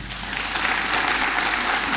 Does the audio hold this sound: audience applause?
yes